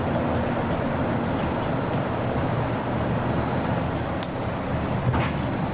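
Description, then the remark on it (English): A monorail train runs steadily with a continuous rolling rumble and a faint high whine, a couple of brief clicks near the end, no voices; the monorail is approaching the Transportation and Ticket Center by the Magic Kingdom parking lot, with a connecting monorail to Epcot. “If you are traveling to Epcot, please exit here and board the monorail at the connecting monorail station.”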